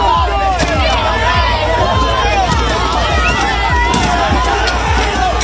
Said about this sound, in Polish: To fragment starcia protestujących z policją.